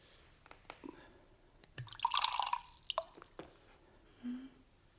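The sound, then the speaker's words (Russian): Vodka is poured into a glass, a short gurgling splash in the middle with a few light drips and clinks before and after. “Ну, наливайте.”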